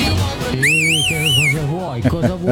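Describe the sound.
A single high call whistle warbles up and down for about a second, clear and close, while people talk underneath it before and after.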